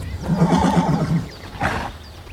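A horse neighs loudly, a long quavering whinny that rises and wavers before a shorter, breathy follow-up call trails off.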